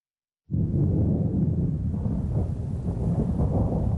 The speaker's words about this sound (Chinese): 四月底的广州渐渐沉闷潮湿起来，远处滚过的雷声预示着一场暴雨即将来临。